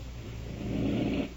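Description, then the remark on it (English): A woman patient on oxygen, breathing on her own, draws a single heavy, raspy breath that swells over a low steady hiss and rumble, then eases off; no one speaks. “She's breathing herself.”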